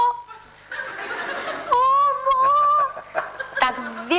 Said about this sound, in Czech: Vyhlídnu, koukám, kde táta tam je, tam bylo milion ptáků, pak jsem si říkala, že to byly krůty, který tam, to bylo někde v Rumunsku, hnal člověk, nějaký pasáček ve 4 hodiny ráno na pastvu, jo.